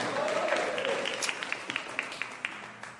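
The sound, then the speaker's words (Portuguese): An audience applauding as they sit down: dense, steady clapping from many people, with a few sharper individual claps popping out, held at moderate loudness throughout. “Senta com palmas.”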